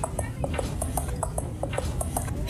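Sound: horse hooves clip-clopping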